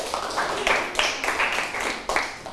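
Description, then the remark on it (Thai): A group of students clap together for a classmate who answered a question, at the teacher's request, in a quick, steady, fairly loud burst of applause lasting a couple of seconds. “เก่งมากเลยปรบมือให้เพื่อนหน่อยค่ะ”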